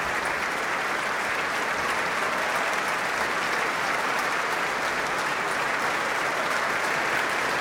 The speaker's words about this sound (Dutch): En applaus nu ook voor de solisten uit het orkest.